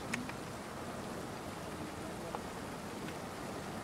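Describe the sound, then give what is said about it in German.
Light rain falls steadily outdoors during a dry-stone-wall building course, a soft continuous hiss with occasional faint drips and taps. No one speaks. “Aber solange es jetzt nicht in Strömen regnet, können wir so einen Kurs auch hier durchführen.”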